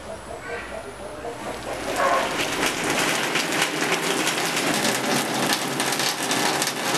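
Steady rain falls, a dense hiss of countless droplets that swells noticeably louder after the first couple of seconds and stays heavy and continuous to the end.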